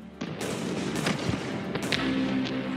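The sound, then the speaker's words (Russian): Scattered gunshots crack irregularly on a battlefield at dusk as the firing slowly dies down, about half a dozen muffled reports spread over a few seconds, set against a steady low rumble of battlefield noise. “С приближением сумерек на поле боя медленно затихали выстрелы.”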